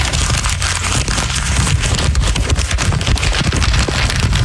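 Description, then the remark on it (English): Continuous rustling and crinkling of paper, with dense crackly bursts running steadily for several seconds and no voices over it. “A lot of paper for an email.”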